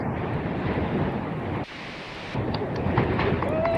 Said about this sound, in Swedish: Ska vi se om vi hör något då. Jag hör mest blåst.